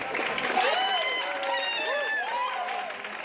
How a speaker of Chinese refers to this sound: 现场大批乘客家属热情迎接亲人归来，拥抱欢呼。还有人挥舞以色列国旗